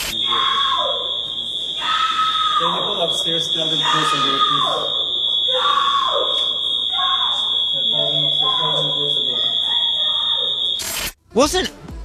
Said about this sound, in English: Oh, my God. Is that drugs? Something's not right. What makes someone go, like, listen to that scream?